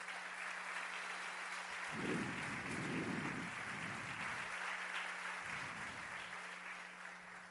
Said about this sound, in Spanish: Dale un aplauso al rey bendito.